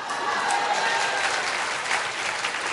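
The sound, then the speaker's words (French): Steady applause from an audience, a dense wash of clapping hands holding at a fairly even level throughout, with no voices standing out above it. “Là, les applaudissements se font un peu moins retentissants.”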